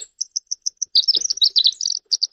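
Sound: winter wren song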